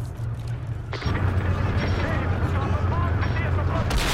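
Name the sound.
artillery shell explosion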